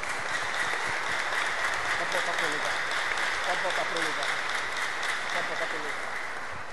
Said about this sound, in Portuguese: Vamos acolhê-la com a salva de palmas.